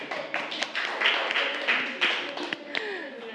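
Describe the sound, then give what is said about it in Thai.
A classroom of children claps for group 3, a dense, steady patter of many hands lasting a few seconds, with a few sharper claps standing out and some voices mixed in. “ปรบมือให้กลุ่ม3ค่ะ”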